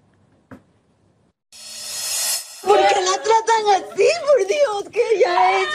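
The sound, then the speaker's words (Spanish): A 19-year-old girl crying hysterically in a hospital bed in Polk County, Florida, trying to cling to her mother as deputies handcuff the mother: loud wailing sobs with a shaky, wavering pitch that begin after a brief burst of rustling noise and continue to the end. “Agentes del condado de Polk, en Florida, esposan a una mujer mientras su hija yace en una cama de hospital, llorando histéricamente mientras intenta aferrarse a su madre.”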